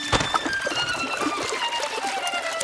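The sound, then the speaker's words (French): A sharp splash as two friends jump into a river just before a waterfall, followed by continuous churning and sloshing, with sustained musical tones running underneath throughout. “Nos deux amis se retrouvent à l'eau.”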